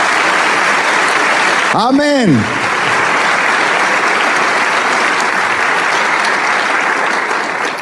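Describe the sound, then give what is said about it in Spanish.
Sustained applause from a crowd, given in honor of Christ, the King of Kings, fills the whole stretch, dense and steady at high volume, while a single voice briefly calls out over the clapping near the start. “¿Por qué no le damos un aplauso al Rey de Reyes?”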